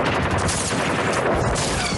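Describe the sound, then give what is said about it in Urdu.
Rapid automatic gunfire from a light machine gun (LMG) rattles continuously for about two seconds, a loud, dense burst of shots with a harsh crackling edge, no voices present. “جہاں گھات لگا کر بیٹھے شترو نے اپنی ایل ایم جی بندوق سے بشن سنگھ پر نشانہ سادھا اور اس لائٹ مشین گن سے نکلی گولیاں صوبیدار بشن سنگھ کے سینے میں پیبست ہو گئی.”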